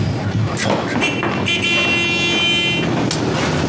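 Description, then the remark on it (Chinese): A motorcycle, recently fitted with a new German part, idles and revs while a horn sounds in a sustained honk, steady engine rumble underneath throughout. “这会儿辆摩托车，刚换了个德国零件。”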